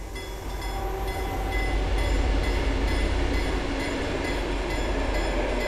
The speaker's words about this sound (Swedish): Där järnvägsrälsen i september 2025 hängde i luften susar nu tågen förbi på en nytillverkad banvall av grått grus.